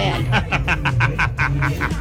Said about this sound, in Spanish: Giovanotti, ahí está su Giovanotti Junior, vea. Tiene un poco de novias. El gallo de María Reina.